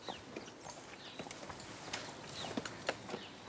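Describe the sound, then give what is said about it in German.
Irregular hoof clops knock and scrape as a cow climbs a steep staircase, with faint bird chirps in the background. “Normalerweise würde keine Kuh freiwillig eine steile Treppe hochlaufen.”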